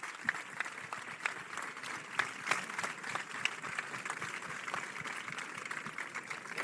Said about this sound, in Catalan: Un aplaudiment per totes elles.